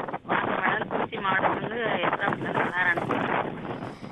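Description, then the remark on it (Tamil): Harsh, steady wind buffeting the phone microphone of a radio show caller from Esanapatti, a loud rumbling roar over a narrow telephone line, with the caller's voice breaking through underneath the noise. “பயங்கரமா காத்து வீசுது.”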